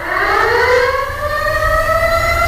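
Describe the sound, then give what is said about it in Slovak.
An air raid siren wails loudly and steadily, its layered tone slowly climbing in pitch over a low, rumbling background, with no voices. “Moja drahá, včera bol vyhlásený letecký poplach.”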